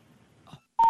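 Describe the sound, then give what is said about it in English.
Faint low background murmur, then a sudden loud, steady electronic telephone tone cuts in near the end, like the start of a disconnected-number intercept signal. “You have reached a number that has been disconnected.”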